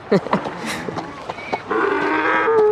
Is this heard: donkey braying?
yes